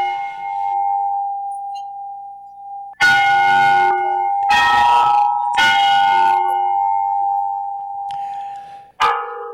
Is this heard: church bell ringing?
yes